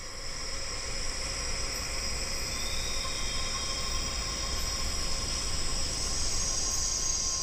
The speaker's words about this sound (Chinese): 一种奇异的声音拉开了夜晚的序幕。傍晚6点左右，巨狼蝉的鸣叫